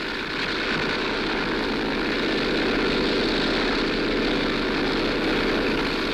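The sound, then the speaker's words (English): A heavily loaded propeller plane's engine roars steadily and loudly throughout as it takes off down a wet runway, a sustained droning rumble with a buzzing rasp. “He'll never get off the ground. It's too wet. Plane's too heavily loaded.”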